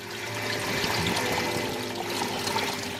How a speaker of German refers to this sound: das Wasser kluckert und rauscht. Es ist auch ein paar Grad wärmer hier. Wir sind jetzt hier in einem richtigen tropischen Bereich. Das ist ein richtiges Tropenhaus.